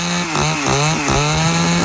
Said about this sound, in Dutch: Waar heb ik net naar zitten luisteren dan? Nou, gewoon een klein zaagje. Of een cirkelzaagje of zo.